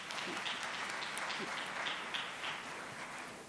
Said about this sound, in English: A big round of applause to their excellencies.